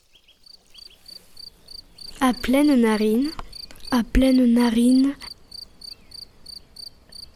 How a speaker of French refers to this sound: Et les grillons, comme un ronronnement.